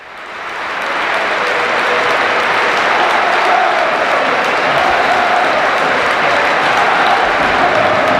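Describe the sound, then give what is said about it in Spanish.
A huge crowd of standing fans at the Bernabéu stadium applauds a Real Madrid player as Athletic Club players form a guard of honour, a dense, continuous roar of clapping that swells in over the first second and then holds steady and loud throughout. “Ahora le hacen el pasillo también los jugadores del Athletic Club del Real Madrid. Aplaude Dani Carvajal. Este es el Bernabéu.”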